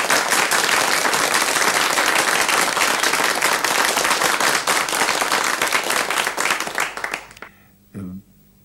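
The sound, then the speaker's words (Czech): A big burst of loud audience applause, dense and sustained for several seconds before tapering off abruptly, followed by a brief faint voice. The audience is made up of the performer's relatives from Brno, Řicmanice and Ivančice. “Myslím, aby se diváci nenechali mýlit tím velkým potleskem, to jsou sami mý příbuzní tady, nejen v Brně, ale v Řicmanicích a v Ivančicích.”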